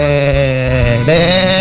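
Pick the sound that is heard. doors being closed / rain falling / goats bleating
goats bleating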